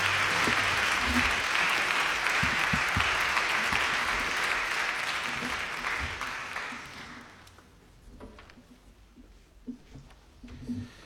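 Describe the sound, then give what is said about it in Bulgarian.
Audience applause at a folk concert as the longtime concertmaster of the Filip Kutev National Folklore Ensemble, Kostadin Atanasov, is welcomed onto the stage with his gaida (bagpipe). It is a dense, steady wash of clapping for about seven seconds, then fades out into scattered claps and quiet background noise with a few soft knocks. “Вашите аплодисменти със своята гайда.”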